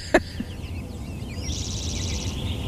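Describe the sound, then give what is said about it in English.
Several birds call outdoors: a sharp click at the start, then quick chirps and a sustained, rapid trilling song over a steady low background rumble. “So tell me a little bit about why are these birds calling right now?”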